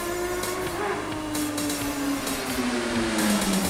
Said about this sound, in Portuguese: Olha aí. Passando um bandido aqui em cima de uma moto, sem descarga, uma zoada danada. Vai em alta velocidade, rumo da Zona Oeste.